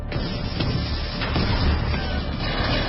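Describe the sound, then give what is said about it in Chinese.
A dense, continuous battle din of gunfire mixed with grenade and mortar explosions as troops open fire on Kuomintang 18th Army troops attempting a breakout, heavy low booms rumbling under scattered sharp cracks, loud with no voices. “霎时间，枪声、手榴弹声和迫击炮声便骤然响了起来，在敌人的队伍里立刻响成了一片。”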